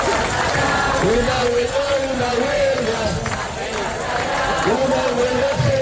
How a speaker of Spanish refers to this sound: Y en las calles españolas, pues el grito sigue siendo unánime.